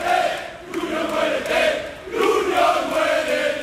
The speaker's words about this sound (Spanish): Bueno, pues son los gritos, en este caso contra el presidente de la entidad sevillista, José María del Nido Carrasco, que junto evidentemente a otros miembros del Consejo de Administración están siendo pues el foco de las iras en esta manifestación,